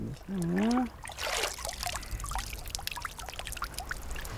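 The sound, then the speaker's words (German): Water is poured into a handmade pot, filled very full to test whether it is watertight, with a brief splashy gush, followed by a steady patter of small irregular drips as the pot leaks slightly. A short voiced hum is heard just before the pour. “Der hält. Also der tröpfelt jetzt ein bisschen, aber eigentlich hält er.”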